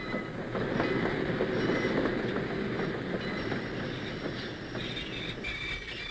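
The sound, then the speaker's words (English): A train rumbles steadily as it arrives at a station, wheels clattering on the rails with a faint high metallic squeal running through the roar; no one speaks. “I'd like you all to be perfectly quiet until they come down the train steps.”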